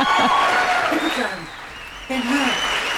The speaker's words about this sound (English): Should we have a round of applause? Because I like it.